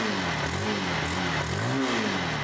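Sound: motorcycle engine revving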